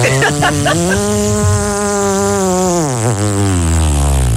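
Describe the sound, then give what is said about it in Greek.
A voice imitates a motorbike engine with a steady, buzzing drone that sputters briefly at the start, then dips lower in pitch near the end as if slowing down. “Και η μηχανή πώς έκανε.”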